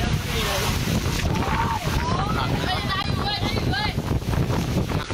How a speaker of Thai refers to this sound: แต่ปรากฏมืดฟ้ามัวดินนักเรียนนักกีฬาต้องวิ่งหลบฝนกันจ้าละวันนักเรียนก็ดึงเต็นท์กันไว้นี่ๆโอ้จะปิวแล้วจะปิวแล้วคือกลัวว่าทุกอย่างเนี่ยจะพัดลอยไปตามลมครับ หนักเลยครับ